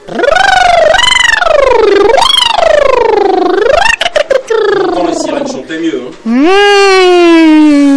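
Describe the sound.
A loud voice imitates a siren, gliding its pitch up and down in several sweeping wails, breaking briefly into choppy sounds midway before one last rising, sustained tone.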